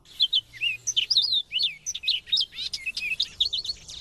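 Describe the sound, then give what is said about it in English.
Dunlin calling, a busy stream of short, high, buzzy chirps and trills overlapping continuously, clear with no voices present. “It may be possible to see a Dunlin in breeding plumage here before these birds head north.”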